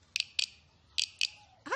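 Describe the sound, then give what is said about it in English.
A guiro scraped with a stick over its ridges in short, raspy, high-pitched bursts, two quick pairs with a pause between, giving a chirping, cricket-like rhythm, followed by a brief rising tone at the end. “You play a guido by scraping a stick over the ridges.”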